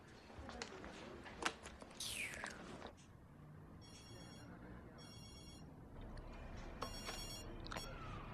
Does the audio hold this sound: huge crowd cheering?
no